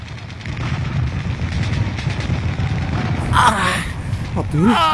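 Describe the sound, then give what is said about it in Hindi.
Rapid, continuous enemy gunfire aimed at the soldier Abdul Hamid as he prepares to blow up an eighth tank rattles in a dense, rumbling barrage that runs throughout, with a man's strained shouts or cries breaking through near the end. “जांबाज अब्दुल हमीद आठवें टैंक को उड़ाने की सोच ही रहा था कि दुश्मन ने उसको देख लिया और उस पर लगातार गोलीबारी शुरू कर दी।”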